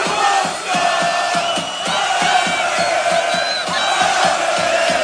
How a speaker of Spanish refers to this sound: Recibían ayer a Cristiano Ronaldo. Y así gritaba la afición croata.